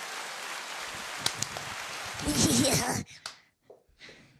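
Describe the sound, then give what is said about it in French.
An audience claps in a dense, rain-like patter that swells with a few cheering voices before cutting off sharply, followed by a couple of brief scattered bursts, applauding to vote for pain au chocolat or chocolatine. “Un tonnerre d'applaudissements pour pain au chocolat ou chocolatine ?”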